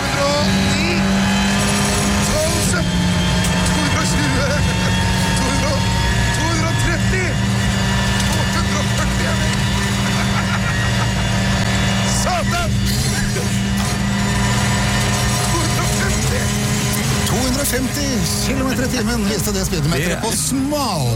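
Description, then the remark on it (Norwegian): A WRC rally car engine roars and revs hard at high speed on Golsfjellet in winter, loud, with sustained droning pitch and rising surges, continuous throughout without a break. “Nå var det riktig nok en bil ikke lagd for noen i baksetet. Det var jo en ordentlig VRC-bil.”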